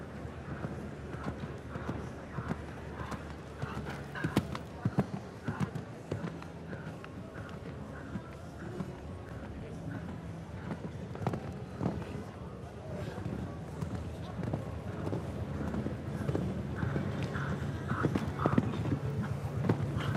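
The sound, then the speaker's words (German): Rhythmic thudding hoofbeats of a horse galloping at a steady pace on a show jumping course, set against a constant murmur of background noise and faint indistinct voices. “und zu hohes Tempo allein, das sollte er gar nicht versuchen, besonnen reiten und dabei einfach die komfortable Galoppade auch nutzen und den Fluss drinnen behalten, so wie es beispielsweise auch Laura Klapphake oder auch Peter Suhai gelingen konnte.”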